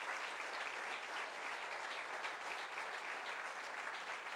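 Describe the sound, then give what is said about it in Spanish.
A church audience applauds for Christ during a sermon, dense overlapping claps forming a continuous, even wash of noise with no voices standing out, sustained at a fairly constant level throughout. “¡Puede dar un aplauso a Cristo en este día!”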